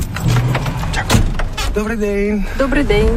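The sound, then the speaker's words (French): Clunks, knocks and rustling as a 50-year-old woman climbs into a heavy truck's cab on a truck driving-licence exam track on the outskirts of Kyiv, Ukraine, with door and handle sounds, and a voice speaking briefly near the end. “On embarque aux côtés de …, 50 ans, dans la cabine d'un imposant camion”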